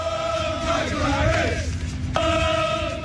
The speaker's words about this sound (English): at the Atlanta Braves game on July 1st, where England World Cup fans showed up at Truist Park after their own team's win downtown and made headlines with their chants in support of center fielder Michael Harris.